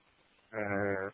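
A single sheep lets out a loud bleat lasting about half a second, wavering and nasal, following a brief stretch of quiet background noise.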